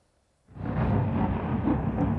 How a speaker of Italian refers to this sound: Improvvisi lampi di luce squarciano il cielo di Kiev, seguiti dal boato delle esplosioni mentre alte colonne di fumo sovrastano lo skyline della capitale. Una nuova e violenta ondata di attacchi russi colpisce il paese.